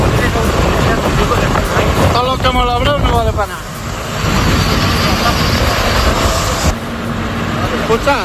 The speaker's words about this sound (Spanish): Mira el helicóptero donde está echando. La escena que escuchas es la de una columna de tractores que avanza intentando crear nuevos cortafuegos